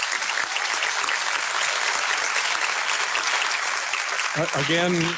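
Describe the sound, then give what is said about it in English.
An audience at a Kodiak, Alaska fishery forum on the seafood industry claps steadily for two candidates, a dense wash of applause at a constant level, with a voice starting to speak over it near the end. “Let's have a last applause for both of our wonderful candidates.”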